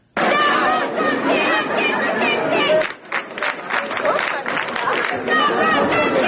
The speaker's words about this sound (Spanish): Puede entender más o menos gritos en italiano diciendo somos todos antifascistas. Aquí los gritos en italiano, incluso en español, se han generalizado en las manifestaciones.